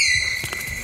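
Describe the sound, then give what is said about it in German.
A female tapir gives a sustained, high-pitched squeal to announce that she is coming, a thin whistling tone that holds steady for under a second, with a couple of soft low thumps partway through. “Tapire klingen ein bisschen wie eine Mischung aus quietschender Autobremse und zwitschernden Vögeln.”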